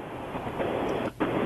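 Loud, steady wind noise roars over the phone line of a listener calling in to a radio program, a dense rushing blast that briefly cuts out near the end before surging back. No one speaks.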